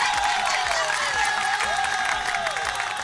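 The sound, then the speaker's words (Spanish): A crowd applauds young entrepreneurs on World Youth Skills Day, a dense, even wash of clapping at constant loudness, with a few rising and falling whistles mixed in and no speech. “Para todos los jóvenes, un aplauso grande a esos jóvenes emprendedores.”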